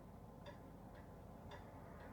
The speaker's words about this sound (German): Hörst du die Uhr ticken?